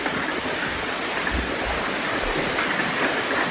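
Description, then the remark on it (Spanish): Torrential rain mixed with hail pours down in a dense, unbroken, loud roar, with a constant hiss of countless impacts and no voices. “Y las lluvias han sido muy regulares, muy torrenciales, según Abamet, y también con granizo. Ahora sí con piedra.”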